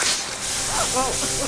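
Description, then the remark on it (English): Lawn sprinklers hiss in a steady, broad spray throughout, with faint murmuring voices or tonal calls drifting in the background partway through. “Sprinklers?”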